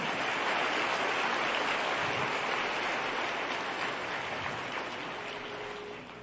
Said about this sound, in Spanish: Alguien que lo reciba. Más fuerte ese aplauso al Señor. Amén.